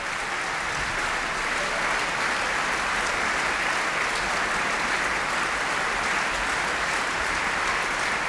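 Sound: opera audience applause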